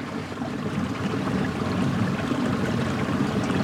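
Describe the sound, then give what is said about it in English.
Steady, continuous rush of flowing river water, a broad even wash of sound that holds at a constant level throughout, with no voices. “But I feel completely content by the river.”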